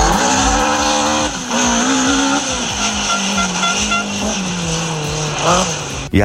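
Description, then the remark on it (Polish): A racing car roars past at high speed, its engine whining and shifting pitch, with tires squealing loudly throughout before it abruptly cuts off. “Jak kubica dosłownie.”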